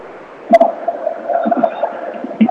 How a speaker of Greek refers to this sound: Εδώ τα σφυρίγματα από τον διαιτητή.